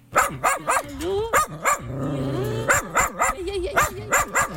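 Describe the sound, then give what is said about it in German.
Several dogs bark and yelp in quick, overlapping bursts in the dog wing of an animal shelter in Osterode, Germany, with a drawn-out whine in the middle, loud throughout. “Doch im Hundetrakt, da zeigt sich an mehreren Stellen, dass das Haus sanierungsbedürftig ist.”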